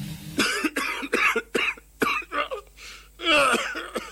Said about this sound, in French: Faudrait que j'aille sur Mediconet pour savoir pourquoi je tousse